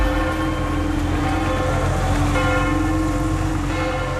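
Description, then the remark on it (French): Church bells of the Saint-Pierre de Montrouge church in the 14th arrondissement of Paris ring out continuously for the Pope's arrival in France, their overlapping tones sustained and resonant over a steady low rumble of street or ambient noise, with no one speaking. “Les cloches de l'église Saint-Pierre de Montrouge dans le 14e arrondissement de Paris, elles ont résonné comme dans toutes les églises de France pendant 7 minutes tout à l'heure à 10h”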